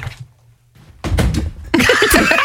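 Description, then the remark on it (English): After a brief hush, Tom Hanks, doing a flop, topples off a chair with a heavy thud and a short clatter of bumps, followed immediately by a loud burst of crowd noise. “And then Tom Hanks committed so much to it that he flopped off the chair, listen.”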